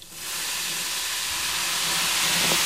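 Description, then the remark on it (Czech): A vigorous fizzing chemical reaction, a mixture of powdered substances in a box with about 100 ml of water added and a lid placed over it, foams and gives off gas in a steady, loud, bright hiss that rises quickly after a brief start and holds continuously, slightly swelling toward the end, with no voices. “Slyšíme, že probíhá bouřlivá reakce, směs pění a evidentně se uvolňuje velké množství plynné látky a to víko jsme tam přiklopili právě proto, aby nám ta plynná látka neutekla.”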